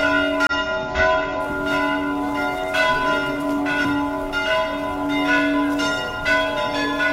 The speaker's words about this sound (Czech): Ovako je pozivalo zvono manastirske crkve vernike na Petrovdansko saborovanje, koje tradicionalno okuplja verni narod, sveštenstvo i monaštvo eparhije Budimske, kao i brojne poklonike iz Mađarske, Srbije, Hrvatske, Republike Srpske i drugih zemalja.